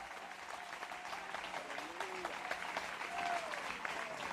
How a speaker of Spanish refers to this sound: Dale fuerte ese aplauso si es para Él.